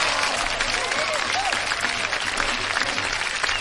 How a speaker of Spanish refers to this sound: Un aplauso para ambos equipos